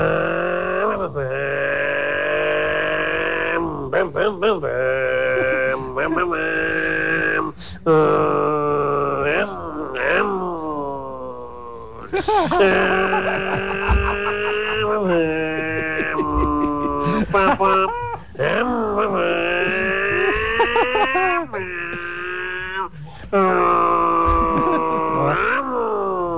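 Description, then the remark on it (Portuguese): A person imitates a car engine in an object-imitation segment, using a raspy, throaty voice, with throat-clearing that helps the engine sound; pitch rises and falls like revving and shifting gears, with brief pauses for breath, loud and continuous throughout. “Bicho, esse pigarro teu na garganta ajudou muito no motor.”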